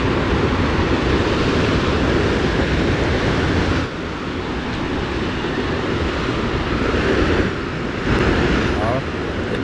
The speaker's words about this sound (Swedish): Det är inte blåst vi hör, va? Nej, då hade det varit riktigt fara. Nu for tåget förbi här i centrala Karlstad och plötsligt så hör jag dig att du finns också igen. Så att nej, det är inte blåsten.